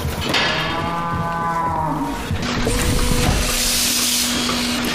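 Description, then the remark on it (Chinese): Dairy cows on a family farm in central Iceland, which keeps 70 dairy cows, moo loudly, one long lowing call followed by another deep, drawn-out moo, over a steady hissing background. “如今她在冰岛中部经营家庭农场，饲养着70头奶牛。”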